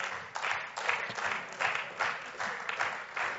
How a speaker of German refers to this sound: Und deshalb nach dem nächsten Satz wieder den gleichen gemeinsamen Applaus.